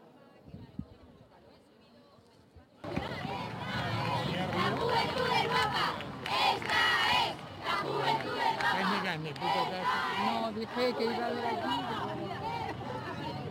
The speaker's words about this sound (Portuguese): Os gritos dos mais jovens, o Papa devia ter chegado aqui por volta das 10 horas e meia, hora portuguesa, mas chegou cerca de 15 minutos depois. Sentiu-se muito entusiasmo, principalmente destas pessoas mais novas.